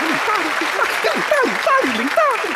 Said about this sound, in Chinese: 嘿，我们终于等到你，掌声送给好经理。